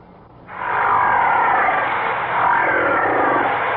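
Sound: whale vocalization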